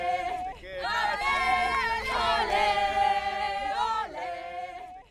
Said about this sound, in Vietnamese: Những sắc cờ, những bộ trang phục hóa trang và những tiếng hò reo kéo dài từ sáng tới tối đang tạo nên bầu không khí lễ hội đặc trưng của ngày hội bóng đá lớn nhất hành tinh trên khắp Bắc Mỹ.